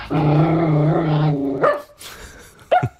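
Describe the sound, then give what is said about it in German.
A rescue dog lets out a drawn-out, tonal vocalization, then gives two short, sharp barks with a brief pause between them, loud, with no one talking. “So, einmal bellen bitte.”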